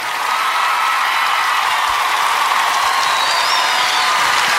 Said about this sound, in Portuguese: Um forte, forte, forte aplauso para ele.